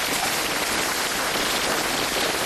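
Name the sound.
heavy rain falling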